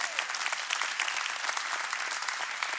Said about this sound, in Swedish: Ja, tycker vi ska ge dem en varm applåd.